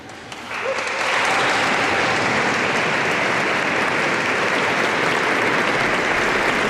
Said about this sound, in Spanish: Fueron los voluntarios a los que escuchábamos esos gritos al entrar.